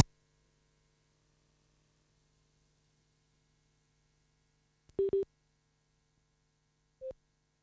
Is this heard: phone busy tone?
yes